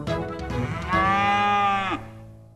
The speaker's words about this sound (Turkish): İneğim acıkmış. İnekler ot yemeye bayılır.